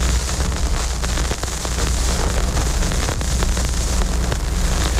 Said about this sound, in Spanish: Así suena un vinilo cuando colocamos la aguja encima antes de que empiece la música.